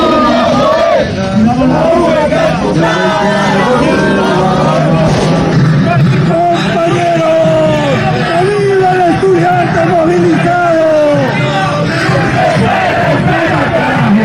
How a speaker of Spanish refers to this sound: Bueno, los chicos están saltando ahí en plena plaza, gritando y pidiendo paz para Bolivia y no más bloqueos. Eso es lo que se vivió en Sucre hace poco en esta jornada.